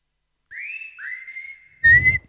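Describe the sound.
A person whistles two clear notes, each sliding up and then holding steady, followed by a louder, breathier whistled tone at the end. No one speaks.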